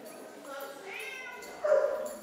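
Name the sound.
dogs barking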